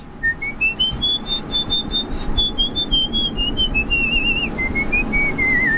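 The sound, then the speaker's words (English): A sustained, very high-pitched human whistle rises slowly, holds with slight wavers, then drifts down and breaks into short steps, heard clearly over a steady low background rumble. “I can whistle really high just on.”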